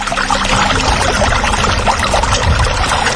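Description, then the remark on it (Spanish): Water pours steadily, a continuous splashing gush with a low, bubbling churn underneath, holding even loudness throughout with no voices. “Emasagra, agua, naturalmente.”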